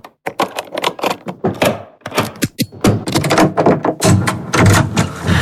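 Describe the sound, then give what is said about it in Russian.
A rapid series of metallic clicks, clacks and thunks as lock after lock is turned and bolts slid back on a hotel room door fitted with its original lock plus eight more, ending in busier rattling as the door is worked open. “На этой двери раньше был только один замок. Вы думаете, я смог бы спокойно жить за такой дверью? Я сразу же поставил еще 8.”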